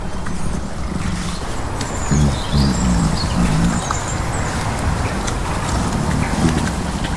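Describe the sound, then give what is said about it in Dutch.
Robins chirp in short, light bursts as they circle around, heard over a steady outdoor rumble and some low knocking sounds. “Er komen ook altijd roodborstjes zo een beetje rondcirkelen om te kijken wat ze...”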